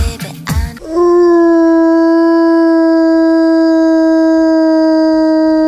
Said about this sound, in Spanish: El aullido del lobo, el que escuchamos, un aullido real, un aullido llamando a su familia, este lobo.